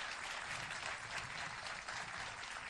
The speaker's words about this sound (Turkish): evet, büyük alkışlar